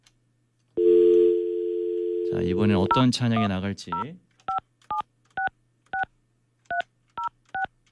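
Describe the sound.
A steady telephone dial tone hums, a man speaks briefly over it, then about nine short keypad beeps follow in a quick, slightly uneven rhythm, clear. A show host is dialing to call a church-going listener.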